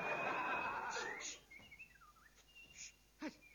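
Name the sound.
someone whistling a tune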